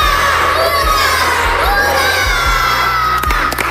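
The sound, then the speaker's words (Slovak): A loud group of children shouts hurray together three times in repeated cheers, their voices filling the space, with a brief crowd-like roar between the calls. “Teraz samozrejme si na záver ešte upracujeme, keď budeme odchádzať, ale čo zakričíme aspoň na konci trikrát hurá.”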